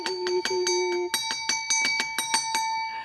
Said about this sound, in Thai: กระดิ่งดังอีกแล้วแสดงว่ามีท่านผู้ชมถามคำถามอีกแล้วค่ะอาจารย์คะ แปลว่าทุกคนที่มีปัญหามาที่นี่ได ้มาสั่นกระดิ่งค่ะ